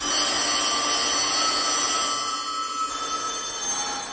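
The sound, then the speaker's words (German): A dense, continuous clatter of many collected antique telephones, about 100 years old, all ringing at once, their overlapping metallic bells jangling loudly and filling the whole stretch with a brief slight dip midway. “Manchmal, wenn Besuch da ist, lässt er deshalb alle Sammlerstücke gleichzeitig läuten.”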